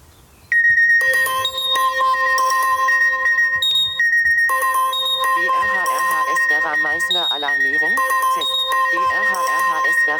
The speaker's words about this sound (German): Also mein Handy ist immer lautlos gestellt, außer diese Alarmierung über Katwan oder hier über die Vera ist immer mit diesem lauten Signalton. Also auch wenn das Handy lautlos ist, werde ich immer alarmiert, auch nachts.